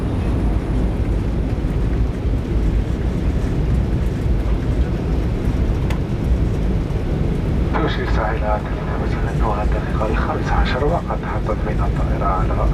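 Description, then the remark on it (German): A loud, steady airplane roar fills the whole recording as the aircraft comes in on approach for landing at Mohamed Boudiaf Airport in Constantine in the afternoon, with a voice speaking over the engine noise during the second half. “Anflug auf Konstantin. Es ist Nachmittag. Landung am Flughafen Mohamed Boudiaf.”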